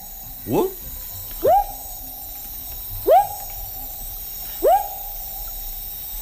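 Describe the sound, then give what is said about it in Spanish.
A frog calls over and over, each note a short upward-swooping whoop that levels into a steady tone, repeated about every second and a half against a quiet background. “Pero no te voy a saber decir qué especie es, pero claro, es un bueno, tipo de rana, ¿no? Es un tipo de rana, sí, efectivamente.”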